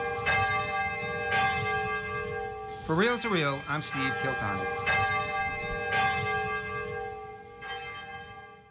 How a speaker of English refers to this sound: His dream is for the Urakami Cathedral to become a pilgrimage site where people come from around the world to hear the St. Kateri Bell of Peace ring across Nagasaki.